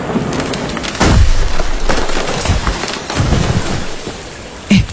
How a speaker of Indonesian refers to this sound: Kalian dengar suara pohon tumbang enggak?